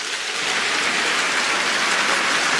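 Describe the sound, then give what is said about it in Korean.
A crowd at the 2026 Nara Sarang Festival concert in Iksan applauds to thank the Jeonbuk regional churches and operating committee members, a dense, even wash of many hands clapping that stays loud for the whole stretch with no voices over it. “그리고 전국 13개 지사 운영위원님들께서 참석해 주셨는데요, 여러분 감사의 박수를 부탁드립니다.”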